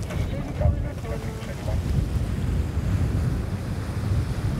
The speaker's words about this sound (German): Der Wind hat zugenommen, Welle ist irgendwie auch da und gleich werden die Segel gesetzt.